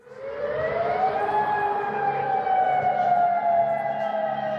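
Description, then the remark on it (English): A warning siren, sounding across the Gulf and Jordan after Iran's Revolutionary Guard launched retaliatory strikes on US military sites, winds up from a low tone to a steady, sustained wail with harmonic overtones, holding loud and continuous over a low rumbling background. “Sirens have sounded across the Gulf and Jordan after Iran's Revolutionary Guard launched retaliatory strikes on US military sites.”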